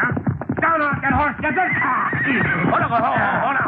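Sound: horse neighing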